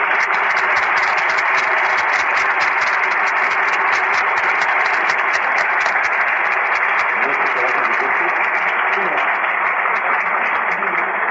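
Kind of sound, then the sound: crowd, audience applause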